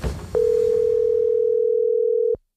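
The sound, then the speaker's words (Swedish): A telephone dial tone hums steadily and loudly for about two seconds, a single unbroken pitch that starts abruptly after a brief murmur of background noise and cuts off cleanly. “Det var ett 5 minuters telefonsamtal och sen var det avklarat.”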